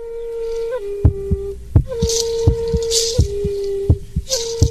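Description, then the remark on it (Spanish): A heartbeat thuds in steady lub-dub pairs under a sustained, humming musical drone, with soft breathy swells drifting above, opening La Radio del Sur's programme Latido Indígena. No one speaks. “La Radio del Sur presenta Latido Indígena.”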